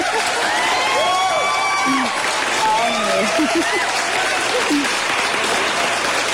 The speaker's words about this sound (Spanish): Ah, vino tu nieto, no, pues eso sí merece un aplauso, definitivamente.